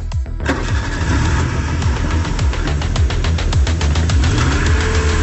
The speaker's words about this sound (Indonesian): Ayo, ayo hidup. Tolonglah, tolonglah. Hidup, hidup. Ya Tuhan, tolonglah kami. Hidupkan mesin mobil ini.